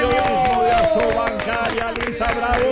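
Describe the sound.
A group claps in quick, steady bursts while voices cheer and talk loudly over the applause, with the sound staying strong throughout.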